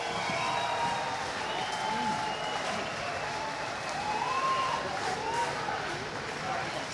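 A crowd applauding and cheering steadily throughout, dense clapping filling the room, with scattered whoops and shouts rising over it.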